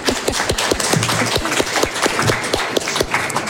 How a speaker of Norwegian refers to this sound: Vi klapper.